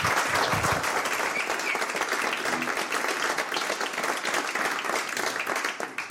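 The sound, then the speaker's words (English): The audience at a radio interview breaks into sustained applause to welcome a musician about to play, a dense, steady wash of many hands clapping that stays loud and even for several seconds without a pause. “Some applause, please.”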